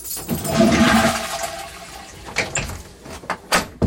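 A toilet flushes with a loud rush of water that swells and then drains away, followed by several sharp clunks and knocks at the end, with no voices.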